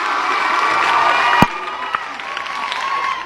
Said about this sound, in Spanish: Y aquí estamos siempre al pendiente de estos muchachos que han realizado también las cosas. Y un aplauso para ellos, ¿cómo no?